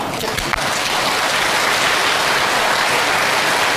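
A crowd at a crosstalk (xiangsheng) comedy show breaks into steady, loud applause as a young crosstalk performer is welcomed onstage, a dense continuous patter of many hands clapping that holds evenly throughout with no pauses.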